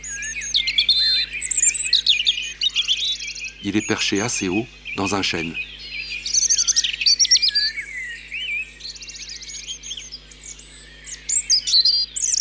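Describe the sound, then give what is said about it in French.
A European robin sings steadily in high, thin, ever-changing warbling phrases with short pauses between them, while a person speaks briefly over it partway through. “C'est un chant doux, un peu acidulé, très aigu, musical et jamais pareil.”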